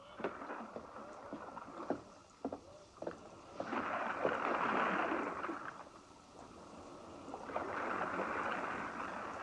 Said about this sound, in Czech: Generálův člun odrazil.